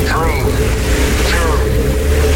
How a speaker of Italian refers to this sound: Accensione motori.